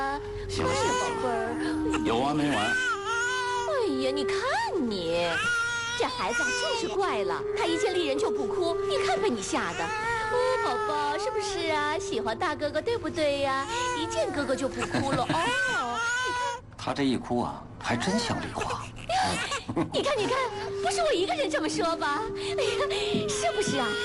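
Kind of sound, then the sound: human body sound, baby crying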